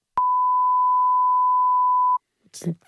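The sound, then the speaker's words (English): A single loud, steady censor bleep over a spoken mobile phone number holds one flat pitch for about two seconds, then cuts off abruptly, followed by a brief burst of someone talking. “How about I say it, we beep it out, and you guys just give your reaction.”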